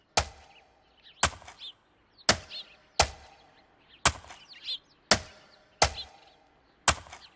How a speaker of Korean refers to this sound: 사람들은 말발굽 소리에 얼굴을 잔뜩 찌푸렸어요. 말은 걷기를 멈추려 해도 멈출 수가 없었지요.